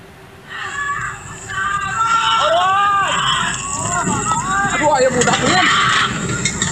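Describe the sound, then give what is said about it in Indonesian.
A panicked crowd as an elderly woman's stilt house burns in Kampung Babakan Bandung, Desa Wangunreja, Sukabumi, West Java, many voices shouting and calling out at once in rising, overlapping cries over a steady loud rumble of noise that never lets up. “Suasana kepanikan terdengar saat rumah panggung milik wanita lansia di Kampung Babakan Bandung, Desa Wangunreja, Sukabumi, Jawa Barat terbakar hebat.”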